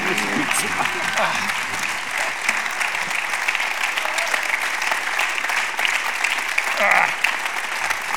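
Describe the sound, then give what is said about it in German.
An audience in Linz applauds Hans Bürger steadily for about eight seconds, a dense, even wash of clapping with a brief swell near the end and faint voices underneath. “Applaus, Hans Bürger.”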